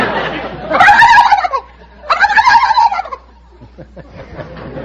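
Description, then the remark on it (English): A contestant on the game show You Bet Your Life imitates a turkey gobbler: two loud, rapid, warbling gobble bursts separated by a short pause, followed by faint, scattered sounds. “I can cackle like a gobble, like a gobble, turkey gobbler.”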